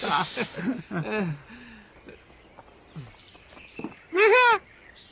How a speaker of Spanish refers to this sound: No es un ave, es Cara de Luna. La lechuza.